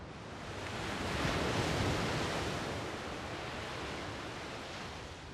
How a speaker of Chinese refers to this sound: 那有一种说法是，听海浪的声音，能让你的心静下来。